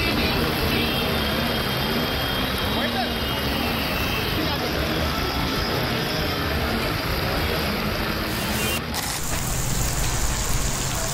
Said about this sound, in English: It's a nightmare on NCR streets. From Delhi to Gurugram and Noida, roads were submerged under relentless rain, with the deluge leaving citizens battling an endless gridlock.